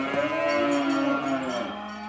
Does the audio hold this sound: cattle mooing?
yes